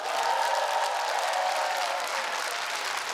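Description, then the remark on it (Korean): A large audience claps steadily and loudly after a contest stage performance, a dense wash of applause that holds evenly for several seconds without any voices standing out. “여러분 다시 한번 커다란 박수 부탁드립니다.”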